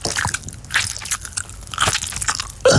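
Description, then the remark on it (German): Crunchy nibbling on peppermint tea bags: a run of dry, crackly bites and crunches in an irregular rhythm, fairly loud and with no talking, ending in a brief higher-pitched squeak. “Pfefferminzteebeutel naschen?”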